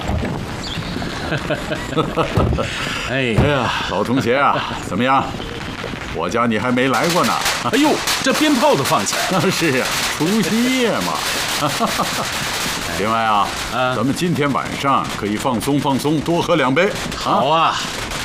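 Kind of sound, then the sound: sound effect, firecrackers going off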